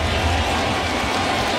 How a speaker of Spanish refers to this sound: El público se va poniendo de pie. Empiezan a batir palmas.